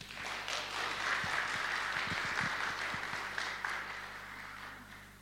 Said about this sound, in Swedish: Väldigt varmt välkomna att sjunga och spela med oss den här timmen. Med en varm applåd.